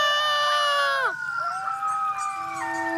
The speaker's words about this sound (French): Les hurlements d'un coyote entraînent toujours ceux de ses voisins. Et deux coyotes qui hurlent ensemble peuvent donner l'impression d'un cœur de 12 voix.